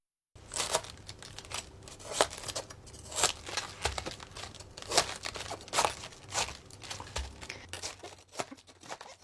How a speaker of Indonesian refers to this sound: Untuk membuang bagian pangkal, balikan kol, gunakan pisau untuk memotong bagian tengahnya yang keras. Ini akan memudahkan melepaskan daun-daunnya nanti.